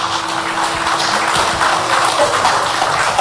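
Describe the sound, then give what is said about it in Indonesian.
Steady audience applause welcoming Bapak Haji Amsak Rahmat, Mayor of Batam and Head of the Batam Concession Agency, a dense wash of many hands clapping at once, loud and continuous throughout with no voices over it. “Boleh tepuk tangannya.”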